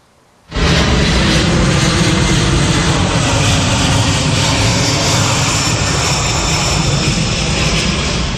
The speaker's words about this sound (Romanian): Vizită misterioasă la Moscova. Un avion de transport C-17 al armatei americane a aterizat în Rusia la începutul după-amiezii.